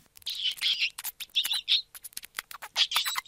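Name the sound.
gerbil squeaking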